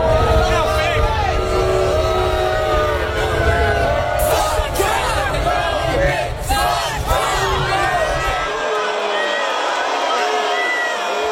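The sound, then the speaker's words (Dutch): A large crowd at a basketball final boos and jeers President Trump, a dense, sustained roar of many overlapping voices with scattered shouts rising above it, staying loud throughout before the low rumble drops away near the end. “Tijdens een basketbalfinale werd hij uitgejouwd door het publiek.”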